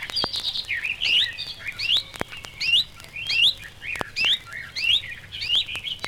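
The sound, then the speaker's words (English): A reed warbler sings a quick, repeated series of bright upslurred whistles imitating a chiffchaff's call, fairly loud, with a few sharp clicks scattered through and no voices. “Its song is similar too, and in some cases, even its mimicry. Like the sedge warbler, it gives a perfect imitation of a chiff-chaff call.”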